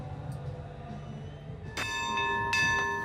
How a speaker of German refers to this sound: Drei beherzte Glockenschläge und der klassische Wasserschleier des Feuerlöschboots Branddirektor Westphal. So beginnt sie heute um 13:30 die Einlaufparade zum 837. Hafengeburtstag.